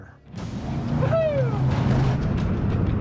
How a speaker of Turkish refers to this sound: Güçlendirilmiş çelik gövde 330 beygirlik jet tahrikli motor bulunduruyor. Her motorun kaptanın solunda bir gaz kumandası ve sağında da en az çabayla en çok manevra yapabilmek için tasarlanmış bir dümen kolu bulunuyor.